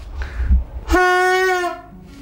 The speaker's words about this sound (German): So, heute ist Dienstag. Dienstag müssen wir Signalmittel prüfen. Fangen wir mal mit dem Signalhorn an.